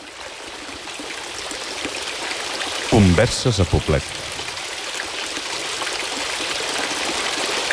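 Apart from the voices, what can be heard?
flowing water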